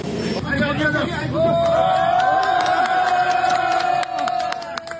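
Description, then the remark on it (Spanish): Rescue teams cheer and shout together with joy and relief as the first survivors are rescued from the flooded tunnel network of the Trishuli 3A hydroelectric project in Nepal, one long sustained cry rising above a steady, excited crowd babble for several seconds. “Los equipos de rescate vitorearon con alegría y alivio cuando rescataron a los primeros supervivientes de la red sumergida del proyecto hidroeléctrico Trishuli 3A.”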